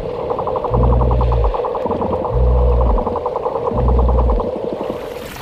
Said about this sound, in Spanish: Cerca de la costa navegan por medio de un sonar biológico las manadas de delfines mulares. Bajo el agua el sonido se propaga mejor que en el aire, más lejos.